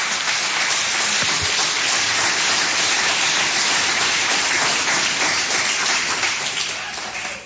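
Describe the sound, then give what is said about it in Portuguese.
An audience applauds Jesus steadily, a dense, even wash of clapping that holds loud for several seconds before easing slightly at the end. “Podeis assentar, assentando aquelas palmas bem, bem bonitas para Jesus.”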